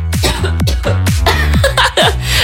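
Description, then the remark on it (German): A person with a throat scratchy from pollen coughs loudly, a rapid series of about five harsh, throaty coughs in quick succession with no talking. “Ich muss kurz husten.”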